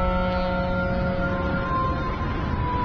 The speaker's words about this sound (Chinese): 对，最早大家觉得江边不能住，因为这些船走的时候，他那个声音汽笛一拉很响嘛。